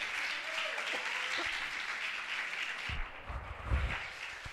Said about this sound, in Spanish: Dale un aplauso al Señor, hombre.